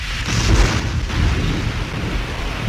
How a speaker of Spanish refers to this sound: Solo la tormenta se escuchaba.